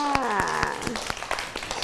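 Children clap in a loose, uneven scattering of sharp claps over about two seconds, while a high-pitched voice briefly speaks or calls out during the first half.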